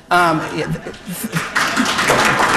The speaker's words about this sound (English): I think that's a round of applause.